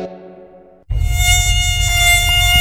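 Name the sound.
mosquito buzzing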